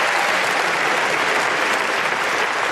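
Steady, dense applause from an audience, a continuous wash of many hands clapping at an even loudness throughout, with no voices rising above it.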